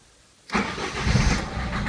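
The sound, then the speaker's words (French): An old car called Tonnerre, just refilled from a fuel can, cranks and sputters to life with a sudden rough burst as someone tries to start it, then keeps coughing and grumbling unevenly without settling into a smooth idle. “Mais il est maladroit et n'arrive à lui arracher qu'un bref sursaut assorti d'un hoquet de protestation.”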